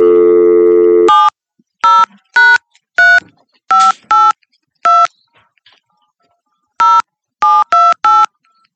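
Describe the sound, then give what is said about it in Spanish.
A steady telephone dial tone cuts off, followed by a series of short touch-tone beeps dialed in uneven bursts as the call fails to ring, loud, with no voices. “El teléfono no timbra. Es un teléfono raro.”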